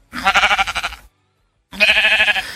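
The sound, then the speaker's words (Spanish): A person imitates a sheep with two loud, wavering bleats, each about a second long, separated by a short pause. No other sounds or talking are present. “No me salió muy bien, pero bueno, eso es una oveja.”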